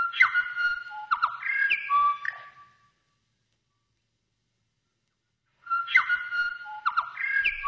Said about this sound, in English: The Korimako, the Bell Bird.